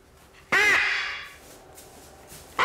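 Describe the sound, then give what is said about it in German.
A single loud, harsh squawk from a large macaw, a kind that can grow to 90 cm with a big beak, raspy and abrupt, followed by a fading tail and the start of another squawk at the very end. “Auch beim sogenannten Aramakau, der mit 90 cm sehr groß werden kann und einen entsprechend großen Schnabel hat.”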